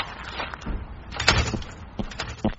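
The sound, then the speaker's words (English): A door being opened: a run of rattling and scraping, a heavier clunk partway through, then a couple of lighter knocks near the end. No one speaks. “you got the door? Getting it.”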